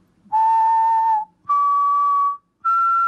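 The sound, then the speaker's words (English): Someone whistles a simple major triad into a microphone to search a website for songs by melody: three clear, sustained notes, each held about a second, stepping upward. The whistling is loud, with short silences between notes and no talking. “And you just need to activate your microphone and you can whistle like...”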